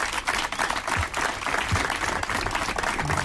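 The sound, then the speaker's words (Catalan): An audience at an event at Parc del Segre applauds the guest of honour in a steady, dense wash of many hands clapping together, sustained and fairly loud throughout, with no voices breaking through. “Un fort aplaudiment.”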